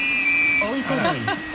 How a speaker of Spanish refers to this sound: Oye, voy a darle al silbato y vamos a la desconexión. Venga.